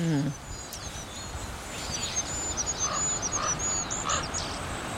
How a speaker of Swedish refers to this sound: Det är så ljust. Ja. Kungsfågelns sång är så långt ifrån kungssången man kan komma. Och inte mycket att yvas över. Den lilla ramsan hinner inte stort mer än börja förrän den tar slut. Fågeln kommer liksom av sig.